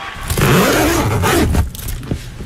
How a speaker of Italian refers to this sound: La cerniera della borsa frigo. Della borsa poteva essere anche la borsa frigo, sì. Borsa frigo ci piace di più, però certo, ci piace la borsa frigo che arriva al mare.